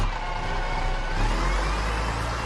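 A bus engine revs loudly as the vehicle passes by, a steady low rumble with a slight rise in pitch over a couple of seconds, with no voices.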